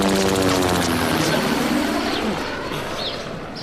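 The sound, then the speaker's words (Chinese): An enemy military propeller aircraft drones loudly overhead as troops take cover in the woods, its throbbing engine roar steady at first and then easing slightly as it passes, with a few faint chirps in the background. “敌机来了，大家隐蔽。”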